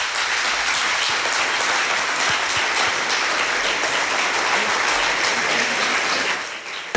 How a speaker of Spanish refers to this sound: Te mandamos un beso y un aplauso. Un beso enorme para todos.